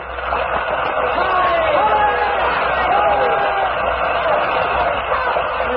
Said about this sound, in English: As the curtain lowered, the people stormed their approval.